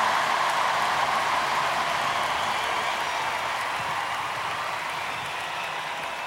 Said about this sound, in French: D'ailleurs, je voudrais en profiter, puisque vous avez envie d'applaudir, on peut applaudir une fois, et je vous demande d'applaudir la chorale qui a travaillé depuis plusieurs semaines.